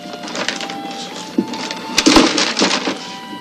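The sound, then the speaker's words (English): Crisp rustling and crinkling of a paper bag as a store clerk drops in items (a Three Musketeers bar, a ballpoint pen, a comb, a pint of Old Harper, flashlight batteries, beef jerky), with a few sharper crunchy bursts over a few seconds. No one speaks. “The clerk puts everything in a paper bag.”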